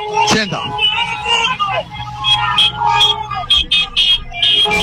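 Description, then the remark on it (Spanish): Car horns blare in overlapping, repeated honks over a loud, busy street crowd of hundreds of people with phones and flags on Pedro Goyena approaching Colón in Córdoba, with shouting voices and general hubbub filling the background throughout. “Ustedes sientan los bocinas.”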